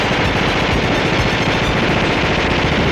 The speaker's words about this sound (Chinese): 外面无数支枪一起开火，乌篷船被密集的子弹击中，瞬间千疮百孔，继而冒出鲜红的火苗。